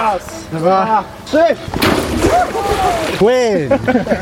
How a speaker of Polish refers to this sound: Tym razem nie lecieli do ognia, ale prosto prosto do zimnej wody i to w pełnym umundurowaniu. Taka kąpiel spotkała świeżo awansowanych i też odznaczonych strażaków z Bełchatowa.